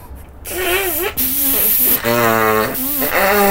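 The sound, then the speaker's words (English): A long, loud, airy nose blow into a handkerchief at the seaside, a steady breathy rush with wavering honking tones rising and falling through it, in several bursts lasting a few seconds. “…, wipe it with your hanky.”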